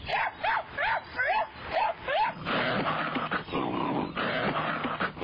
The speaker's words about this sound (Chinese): 我们一边休息一边闲扯，忽然听见栗子黄冲进密林深处狂叫了起来。猎犬都是血统优良的好狗，他们不在极其危险的情况下绝不会如此狂叫。